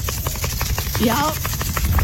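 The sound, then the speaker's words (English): A wet dog named Pluto, just given a bath, shakes itself dry, making a rapid, steady flapping and slapping flutter for two seconds, likely its cheeks and jowls. A short, wavering higher tone rises briefly in the middle. “I just give my dog a bath. When you shake it off, the noise it makes is so funny.”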